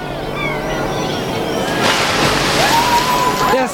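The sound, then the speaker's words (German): A crate is thrown into a river and splashes in midway, followed by churning, sloshing water that swells louder and lingers, with faint voices in the background. “Werft die Kiste da drüben in den Fluss.”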